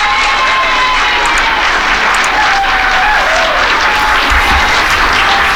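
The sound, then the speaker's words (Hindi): Loud, sustained applause from a crowd on Sunrise Radio welcoming a guest, a steady dense wash of clapping that fills the whole stretch without a pause, with no voices heard over it. “और जनाब उनके लिए ढेर सारी तालियां।”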